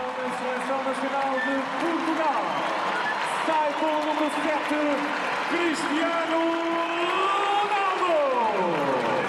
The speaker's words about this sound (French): Et les applaudissements ne laissaient guère de doute. Cristiano Ronaldo donc qui cède sa place à Gonçalo Ramos.